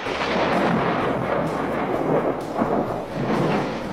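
A loud, sustained rumble of thunder rolls through a stormy soundscape, deep, swelling and fading over several seconds with no voices present.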